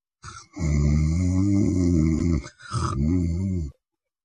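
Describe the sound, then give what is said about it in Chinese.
A voice imitates the light, even snoring of a man asleep at an inn at night: two drawn-out, rumbling breaths, the first long and the second shorter after a brief pause, fairly loud with a steady, even rhythm. “祝青柠这小呼噜打得挺匀。”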